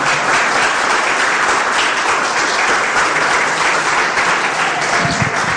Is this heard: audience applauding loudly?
yes